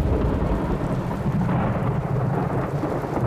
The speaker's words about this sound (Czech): Pomyslel si mlynář a v tom se zablesklo znovu. Ve chvilce bylo nebe jako v jednom ohni a burácení bylo pořád blíž a blíž a pak to najednou začalo. Jako kdyby se protrhla obloha.